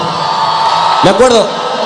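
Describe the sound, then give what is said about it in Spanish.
A crowd applauds and cheers in a dense, steady wash of noise, and midway a single loud whoop rises and falls above it before the clapping carries on. “Un fuerte aplauso.”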